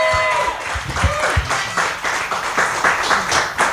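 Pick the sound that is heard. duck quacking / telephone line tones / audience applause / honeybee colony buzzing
audience applause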